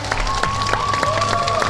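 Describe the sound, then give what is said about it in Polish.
An audience applauds performers at a show, dense steady clapping filling the scene with a sustained whistle-like tone running through it and a low rumble underneath. “I to nasze oklaski to jest chyba dla nich największa nagroda.”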